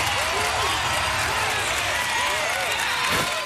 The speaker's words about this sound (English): Oh, round of applause for Brisbane City Council.